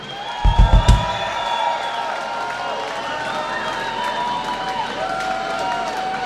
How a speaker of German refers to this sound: Grossen Applaus für den Thorsten Polomski.